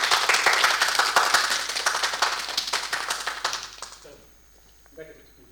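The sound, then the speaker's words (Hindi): An audience applauds to welcome a poet invited to recite her poems, with dense, steady clapping for about four seconds, then it tapers off quickly and a voice begins to speak as the clapping fades. “तो तालियों के साथ स्वागत करें”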